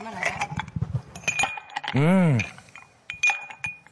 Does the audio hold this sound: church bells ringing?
no